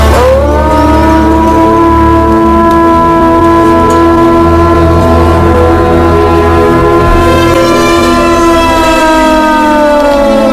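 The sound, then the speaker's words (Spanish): A man imitates a wolf's howl: one long, loud, sustained note rich in overtones that holds steady for several seconds, then wavers and dips slightly in pitch toward the end. No other voices. “aullando como un lobo”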